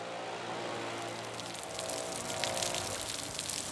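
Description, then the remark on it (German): A steady rush of rainwater spills over from an overflowing gutter in front of section W11 at a stadium for up to 49,000 spectators, splashing and pattering continuously, growing slightly louder partway through, with no one speaking. “Du kannst mal schauen, vor dem W11 läuft die Regenrinne wieder über.”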